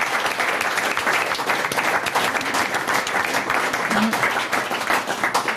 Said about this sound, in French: On applaudit ce magnifique défi.